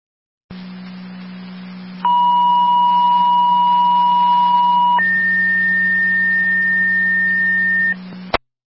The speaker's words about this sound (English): Fire Control to Wilson, second set of tones. Driver requested for an EMS call mutually to Ransomville.